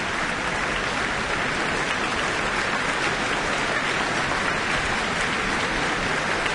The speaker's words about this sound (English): And she's not going to get away quite yet. Further applause, and she's back on the stage.